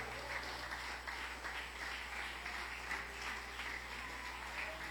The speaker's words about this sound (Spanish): Un aplauso a Cristo, hermano.